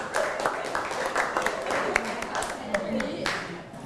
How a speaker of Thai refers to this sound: แค่นี้ปรบมือให้เพื่อน